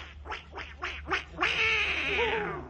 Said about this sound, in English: I was just winding up one of the ducks.